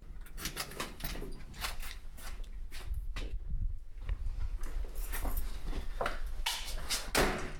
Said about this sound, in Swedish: Slog dörren igen för de publika ytorna, så att nu är vi då i våra slutna magasin.